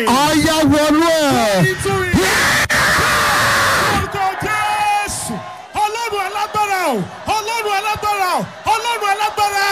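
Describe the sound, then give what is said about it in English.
Loud, strained voices of worshippers at a Christian prayer service yell and shout in praise in rising and falling bursts, with a roaring wash of crowd noise swelling in the middle before the shouting resumes in rhythmic outbursts. “You will scream. A free glory.”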